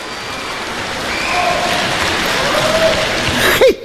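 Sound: audience applause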